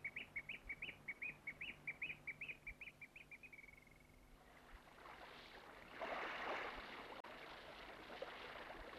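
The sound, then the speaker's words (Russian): A nightingale sings a rapid run of repeated bright notes for a few seconds, then fades as a broad rushing, splashing water noise takes over. “Да ты послушай. Соловей. Соловей.”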